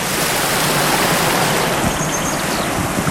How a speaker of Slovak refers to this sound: Po naučnom chodníku okolo Hrozenkova a ďalšom naučnom chodníku Kopanice na Žitkovej sme sa dostali k Žitkovskej priehrade. Som pri potoku, ktorý ju obteká.